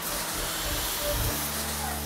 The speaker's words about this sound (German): das zeigt auf jeden Fall Wirkung, weil da ist echt jetzt ein Wasserstrahl, der außen austritt.